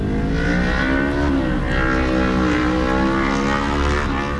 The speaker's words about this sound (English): And the cars just keep rolling in.